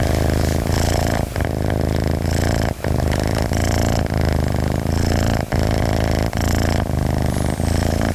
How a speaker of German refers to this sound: So, die Katze schnurrt und ist vollkommen entspannt.